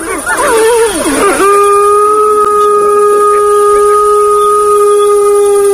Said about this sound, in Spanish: Mira, el lobo manda a callar. Los cachorros ahora van a protestar.